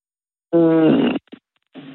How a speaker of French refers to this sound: Bon, maintenant, la question vache avec notre vachette qui va s'amuser à meugler pendant une chanson. Vous allez devoir me dire quelles sont les paroles masquées.